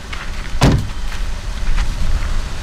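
A band unloading instruments and equipment from a fully packed car under a high sun at an old sawmill on Gotland, summer 2003: one heavy thud followed by softer knocks and shuffling handling noises against a low outdoor rumble, with no one speaking.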